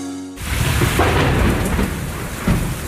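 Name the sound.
thunderstorm with rain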